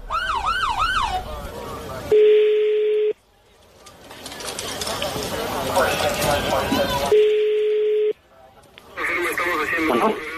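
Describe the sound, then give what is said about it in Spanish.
A police patrol car siren wails in quick rising-and-falling sweeps, loud, at the start and again near the end, broken up by a flat electronic beep tone and busy, noisy stretches. “Sí, no, pero que escuche la patrulla.”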